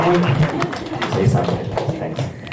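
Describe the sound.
An audience applauds to welcome an executive director as the next speaker, many hands clapping in a dense, continuous patter that holds fairly even in loudness for a couple of seconds, with a faint murmur of voices mixed in.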